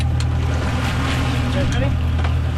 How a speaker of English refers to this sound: You're listening to a group of shark researchers on a boat off the coast of Miami. They're trying to get a handle on how shark populations are doing by going out and meeting sharks in person.